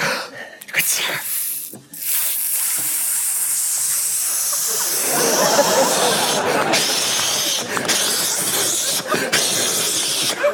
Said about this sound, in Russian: Шампанское будешь? Давай, сейчас я открою, подожди.